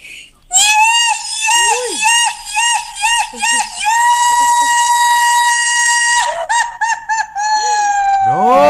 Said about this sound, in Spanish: Bueno, ahí le mando un zapucay. Al día del zapucay.